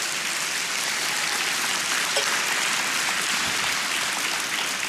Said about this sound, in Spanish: Dele palmas al Señor.